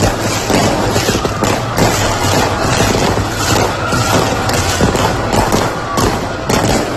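A dense, continuous barrage of fireworks crackling and booming in the night sky over Roquetas de Mar, Andalusia, with sharp bursts repeating every second or so over a loud, sustained roar of explosions.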